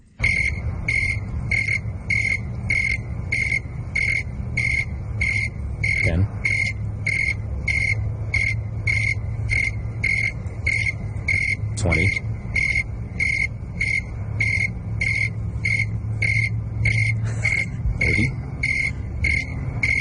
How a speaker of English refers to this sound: So I actually have some audio of a cricket chirping. Let's you and I see if we can figure out the temperature. Let's listen to that now.